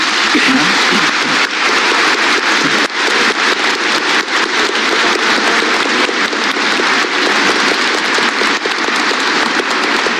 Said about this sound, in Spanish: Agradeciendo el canto también de los niños, vamos a darles un aplauso a ellos.